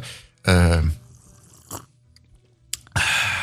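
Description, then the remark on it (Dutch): A deliberately loud, wet slurp of barista coffee lasting about half a second, followed by quiet mouth sounds and then a second, shorter, hissy sip at the end. No one speaks. “Zonder die vieze slurp kunnen we niet verder.”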